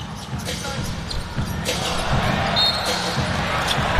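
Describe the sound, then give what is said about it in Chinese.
A basketball is dribbled over and over during a game in a quick, steady rhythm, each bounce a dull low thump, heard beneath a constant murmur of crowd noise and indistinct voices; the dribbling ends in a turnover. “自己运球是失误了。”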